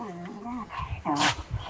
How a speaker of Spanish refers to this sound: El perrito. El perrito al fondo.